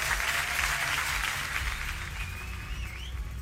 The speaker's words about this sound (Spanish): Vamos a aplaudir. Él pidió que aplaudiéramos. Bueno, aplaudimos.